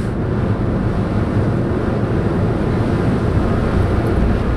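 A steady rumble of wind buffeting the microphone over churning water and surf, with a low engine drone beneath, on a Blue and Gold Fleet ferry crossing the bay.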